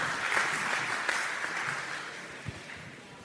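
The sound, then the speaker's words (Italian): A crowd claps steadily to welcome a guest at a public event, a dense wash of many hands applauding at moderate volume that holds for several seconds, fading slightly toward the end, with no voices over it. “Un applauso, facciamo un applauso.”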